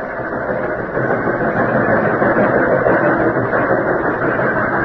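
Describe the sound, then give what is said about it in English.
A train engine rumbles steadily throughout a long train trip, a dense, unbroken roar with a low mechanical drone underneath and no pauses or changes in loudness. No one speaks. “Oh, it seemed as though the long train trip would never end.”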